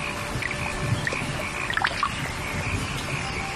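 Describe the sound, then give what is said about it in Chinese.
Steady summer rain patters and splashes across an early rice paddy in Zhengwu town, Zengcheng, a dense wash of small drips with a few brighter splats standing out, moderately loud throughout. “夏天，增城正午镇，听，雨滴溅起早稻的清香。”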